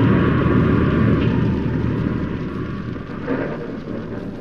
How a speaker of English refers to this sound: The church bell had struck 12 and I started after her when the wind and rain struck with a fury I'd never known before. It raged so violently I was forced to take refuge under a huge tree and wait for it to subside.